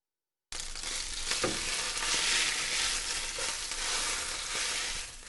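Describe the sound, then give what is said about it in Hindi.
Chicken fillets sizzle steadily in a hot frying pan, a dense crackling hiss that holds at an even level, with a couple of brief louder pops and faint clinks of stirring. “फिले पक जाएं तो आंच बंद कर दीजिए और इन्हें फ्राई पैन से बाहर निकाल लीजिए।”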